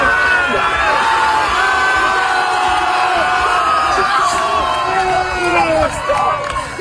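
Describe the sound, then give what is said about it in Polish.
A crowd of hundreds cheers and shouts continuously at the finish line of a swim across the Baltic Sea as the swimmer comes out of the water, a dense wash of many voices with rising whoops and calls layered over one another, loud and sustained throughout. “Było was setki było setki więcej. Ludzi, więcej, nie wiem ile było osób na naszej mecie.”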